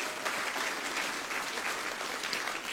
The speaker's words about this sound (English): I gotta just brag a little bit on my wife. She did absolutely amazing. If you can just give her a nice round of applause.